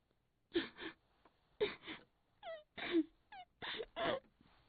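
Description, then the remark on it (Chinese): A voice imitates a woman crying next door: a series of short sobbing bursts, some with high falling whimpers, in an uneven halting rhythm with no other sounds. “那么就在这功夫啊，赶巧了，由大隔壁传来了一个女人的哭声。”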